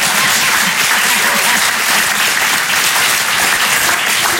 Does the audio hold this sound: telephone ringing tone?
no